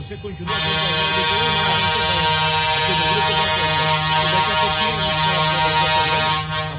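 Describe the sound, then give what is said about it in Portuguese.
Many truck and car horns, sounded by drivers at a blessing for motorists, honk together in a loud, sustained blare of overlapping tones, starting abruptly and holding steady for several seconds before cutting off. “Mas antes gostaria que os motoristas dessem uma apertada na buzina do seu caminhão e do seu carro, quem está no carro.”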